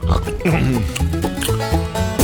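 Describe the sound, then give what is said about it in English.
A person imitates a pig, making a rapid series of loud, nasal oinks and grunts, filling the short clip with continuous snorting sounds. “Pigs, goats, and chickens.”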